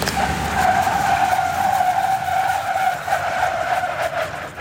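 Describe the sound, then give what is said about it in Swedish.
Tires squeal loudly and steadily as a car brakes on a slippery skid track in Falun, Sweden, where 180 upper secondary students practise braking at different speeds: a sustained high-pitched screech with wavering tones lasting several seconds, backed by engine and road noise and no talk. “På halkbanan här testar 180 gymnasieelever på att bromsa i halt väglag i olika hastigheter och däcken skriker.”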